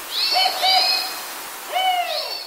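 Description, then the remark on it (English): A spotted owl hoots twice, each call a drawn-out, slightly wavering tone with a rich, reedy quality, separated by a short pause. Clear, with no talking. “Creates great hunting grounds for species like spotted owls.”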